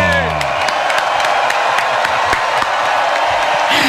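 A live crowd in the plaza of the Hoy por Hoy radio show applauds and cheers loudly for several seconds as a band is introduced to play live, a dense, steady wash of clapping with scattered whoops and shouts rising above it.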